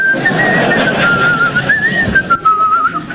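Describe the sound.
Someone whistles a tune, a clear steady melody with gently wavering pitch that carries through the whole stretch over a soft background of room noise.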